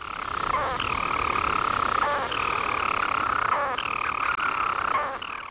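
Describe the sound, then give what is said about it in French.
A European storm petrel, a seabird weighing about 29 grams, calls: a continuous, buzzing purr held at a steady pitch, broken about every one to one and a half seconds by a brief hiccuping note before resuming. No voices. “Voici un extrait de son chant.”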